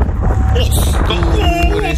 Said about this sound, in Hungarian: Ott, majd hallasz egy hangot, figyelj. Ez a szél. És egyszer csak ott jön.